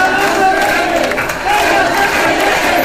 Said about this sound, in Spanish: En Badajoz, miles de pacenses se concentraban en la Plaza de España de la localidad pacense. Tras escuchar el himno ceutí, hubo un minuto de ovación y gritos de Ceuta no se vende, Ceuta se defiende.